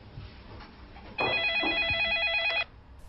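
A telephone in an office rings once in a single loud, warbling electronic burst lasting about a second and a half, standing out clearly over a quiet background before cutting off.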